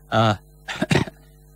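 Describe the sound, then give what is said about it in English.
A short voiced throat sound followed by two quick, rough coughs, close together and moderately loud, with no talking around them. “bit of a cough there, folks. Sorry about that.”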